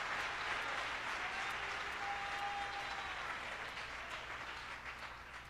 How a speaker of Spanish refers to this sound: Vamos a aplaudirle todos al Señor.